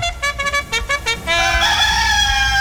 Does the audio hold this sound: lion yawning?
no